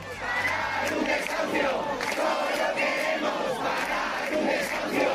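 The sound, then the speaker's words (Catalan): Hundreds of protesters at the door of a home facing eviction in the Retiro neighbourhood shout and chant together, trying to block the judicial officials carrying out the eviction; a dense, steady roar of many voices with rising collective cries, continuous and loud throughout. “Centenars de persones romanen a la porta en aquests moments del domicili per intentar impedir el pas de la comitiva judicial que ha d'executar el desnonament i ja s'han produït les primeres càrregues amb agents antiavalots.”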